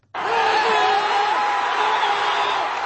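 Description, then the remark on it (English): A dense, loud roar of New York Knicks basketball supporters chanting, clapping and cheering together, sustained at full volume with no pauses, after the Knicks won the NBA title 94-90 against the San Antonio Spurs in game five. “Supporters have been chanting, clapping and cheering after the New York Knicks came from behind in the closing minutes to clinch victory after five decades.”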